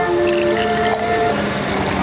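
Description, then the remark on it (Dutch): Wine pours steadily into a glass in a hillside village after dark, a continuous liquid trickle with a faint ringing, glassy tone that holds for about two seconds, with no talking. “We schenken een glas wijn in.”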